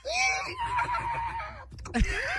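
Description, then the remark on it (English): A horse whinnies, a loud quavering neigh that wavers for a couple of seconds before breaking into a short, sharp rising squeal at the end. “Así que puedes descansar, caballito. ¡Corre como al viento, tira el blanco!”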